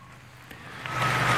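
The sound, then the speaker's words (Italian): Joyful applause rises from a crowd in a square at the close of Pope Leo XIV's homily, a dense crackling wash that swells louder toward the end over a low steady hum, with no voices. “E si conclude così l'omelia di Papa Leone XIV, mentre dalla piazza si alza un applauso gioioso alle sue parole.”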